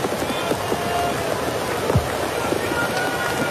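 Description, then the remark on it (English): Heavy rain pours down steadily on a Major League Baseball game in the 6th inning, a dense hiss of drops drumming on surfaces with a few louder splashes, filling the whole scene without letup. “man, it's an absolute hard rain falling now, and I wonder how much longer we're going to play. It's a downpour.”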